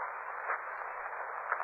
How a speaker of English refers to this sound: rustling. Hissing sound. Coming from that corner.